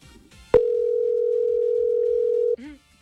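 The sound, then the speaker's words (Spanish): A phone line's ringing tone sounds once: a single steady, loud electronic hum lasting about two seconds, with faint background chatter before it and a brief voice right after. “Si no contesta, sigue jugando. Tiene que contestar.”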